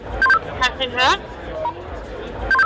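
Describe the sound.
A woman, the project manager of the Sticks and Stones job fair for queer people, speaks briefly into a walkie-talkie in her right hand. Short electronic beeps open and close the transmission, and the tinny, crackly voice between them is hard to make out over faint background chatter.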